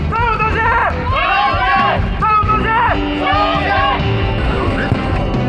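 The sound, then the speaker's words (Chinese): A large crowd of spectators shouts and cheers loudly at a village football match in Sanhe Village, China, many voices rising together in repeated, rhythmic bursts of the chant "xiongqi" over a constant roar of crowd noise. “雄起的加油声不仅让现场的球员和观众热血澎湃，也让默默无闻的三河村一下子声名远扬。”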